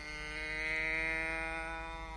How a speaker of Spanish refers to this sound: Y mientras se calienta, daré de comer a los animalitos. Aquí tienen paja para ti, vaquita.